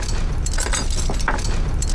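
A bunch of keys, among them the key to the secret cell, jangles in a steady run of bright metallic clinks and rattles for about two seconds, with no voices over it.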